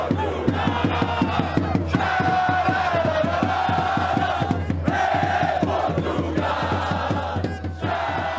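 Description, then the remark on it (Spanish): Loud Portuguese football fans chant and cheer together in the streets of Houston, Texas, during the World Cup, their main chant for Cristiano Ronaldo, their sustained voices carried over a steady, rapid beat of clapping or drumming that keeps going for the whole stretch. “Vea y escuche el ambiente que están armando los seguidores portugueses en las calles de Houston, Texas.”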